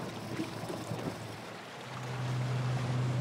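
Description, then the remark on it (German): An inflatable boat out on open sea: steady wind and water rush, with a low motor drone growing louder and steadier over the last second. No voices. “Ihr Schlauchboot ist für längere Distanzen ungeeignet.”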